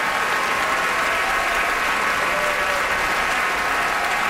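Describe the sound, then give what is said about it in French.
A large audience at the Metropolitan Opera applauds steadily during curtain calls for Carlos Álvarez and Isabel Leonard, a dense, continuous wash of loud clapping that holds at a constant level throughout, with no voices standing out. “And Isabel Leonard is applauding him, and now she steps Isabel forward.”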